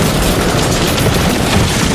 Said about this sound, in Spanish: No, nos han derribado, ¿eh? Yo he escuchado un disparo. Era un francotirador de la SER.